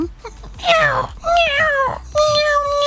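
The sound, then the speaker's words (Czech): A person imitates a cat meowing from inside a locked garage, producing three drawn-out, wavering meows in a row, fairly loud, with no other talking. “No nic se nestalo, zaplať pán Bůh, nic se nestalo, já jsem jí potom jako slyšel, jak mňouká přes garáž, vžata.”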